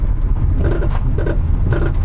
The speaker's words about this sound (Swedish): Hör vi en bil som inte blir EU-godkänt.